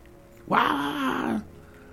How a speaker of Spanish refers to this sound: Entonces, el perro vuelve a ladrar.